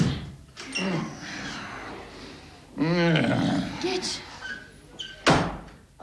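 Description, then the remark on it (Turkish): Heavy thuds strike a door as a man arrives home and pounds on it hard enough to break it down, a couple close together near the start and another loud bang later, with a man's voice talking in between. “Kapıyı yıkacak, geliyor.”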